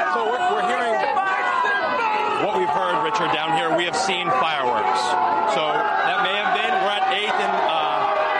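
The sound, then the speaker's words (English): A dense, steady roar of a celebrating street crowd of Knicks fans, many overlapping voices cheering and shouting at once, with sharp bursts and whoops rising out of the constant loud babble. “At this point, what we're seeing here, a celebrating crowd.”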